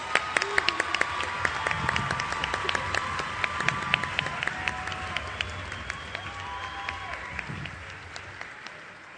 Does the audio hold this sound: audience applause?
yes